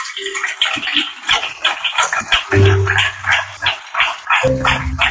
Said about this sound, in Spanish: Den un aplauso, Rey de Reyes, Señor de Señores.